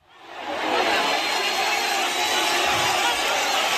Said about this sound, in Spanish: Estamos en un estadio de fútbol, las gradas están llenas, hay aplausos y un gran protagonista sobre el terreno de juego. Pero no, no es la inauguración del Mundial de Fútbol de Estados Unidos, México y Canadá. Este sonido que nos llega desde Somalia.